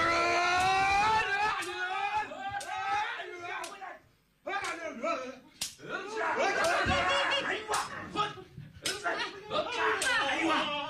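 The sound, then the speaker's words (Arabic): Loud, sustained shouting from several voices rises in a raucous battle cry as an attack is launched, broken by sharp clashing hits of swords, with a brief pause before the yelling surges again. “يلا صرخ معي.”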